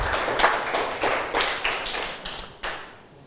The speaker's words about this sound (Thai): ปรบมือให้นักเรียนทุกคนหน่อยนะครับ